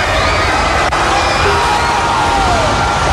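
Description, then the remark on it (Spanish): A dense, roaring cinema audience cheers and shouts continuously at an Avengers film when it premiered in theaters, with whoops and high excited voices rising over a loud, steady wall of noise that never lets up. “Esto fue cuando se estrenó en los cines, la gente enloqueció.”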